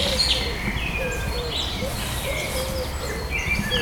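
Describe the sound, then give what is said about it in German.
A dove coos softly in low, hollow notes, repeated at an even pace, while other birds chirp and twitter in the background of an outdoor setting. “Die Taube macht so.”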